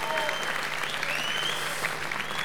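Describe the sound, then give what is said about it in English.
An audience applauds steadily for a band's lead guitarist, a dense wash of clapping hands that holds at an even level throughout, with a faint sustained musical tone lingering underneath. “You might like to applaud a little on the man on the lead guitar, … here.”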